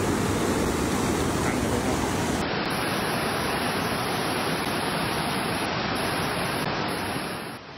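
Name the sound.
rushing floodwater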